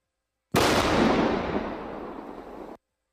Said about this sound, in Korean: 비무장지대 내 울창한 수풀 사이로 큰 폭발음과 함께 흙먼지가 솟구칩니다. 낮 12시 51분쯤 서부전선 비무장지대 폭발 사고 주변에 대한 지뢰 제거 작전이 단행됐습니다.